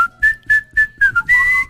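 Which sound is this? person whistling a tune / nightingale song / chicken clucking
person whistling a tune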